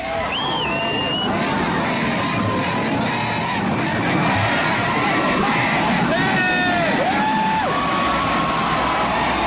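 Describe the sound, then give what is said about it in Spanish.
A large concert audience shouts the chant 'mucha ropa' at the singer in a dense, continuous roar, with individual voices rising in whoops and sustained calls above the noisy babble, loud throughout. “en una parte del concierto los asistentes le empezaron a gritar mucha ropa.”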